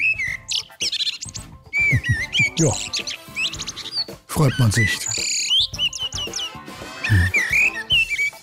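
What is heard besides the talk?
common blackbird song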